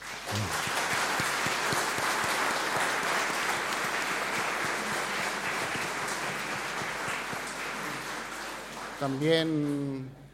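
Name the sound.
audience applauding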